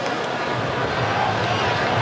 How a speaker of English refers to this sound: Right on cue. By the way, the groans you just heard from the crowd here in Seattle is because of the update on the big screen. And them seeing that Belgium has taken now a 2-0 lead, which is not what the Pharaohs are hoping for.